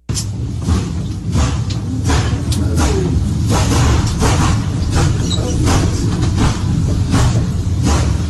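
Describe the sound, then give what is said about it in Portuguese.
A train rolls past, its loud, steady low rumble filling the whole stretch, with sharp crackling bursts popping out at irregular intervals over the roar: explosions like lightning from the passing train at the start of a fire on the rail line, before dawn. “Quem está acompanhando pelo rádio tem o trem e aí começa a aparecer alguns assim, o trem vai passando, vai começando a dar umas explosões, como se fossem raios, e até começa um incêndio mesmo.”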